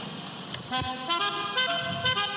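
A car horn plays a short melody, several distinct tonal notes changing pitch in quick succession, loud over a low traffic rumble.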